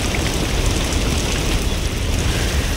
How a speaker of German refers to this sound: Oh, es regnet.